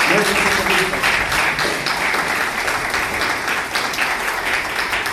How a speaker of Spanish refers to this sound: Yo sí quisiera pedirles un fuerte aplauso de parte del licenciado Luis Calvillo para todos.